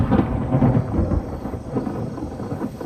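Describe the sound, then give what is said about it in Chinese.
A deep, rolling rumble of thunder fills the whole stretch, loud and continuous, with a steady wash of rain coming in beneath it. No one speaks. “行了，你别打我了，下雨了，带你去避避雨，走。”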